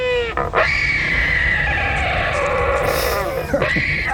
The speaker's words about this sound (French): Celui-ci, c'est bien un oiseau que vous allez entendre, c'est l'albatros hurleur.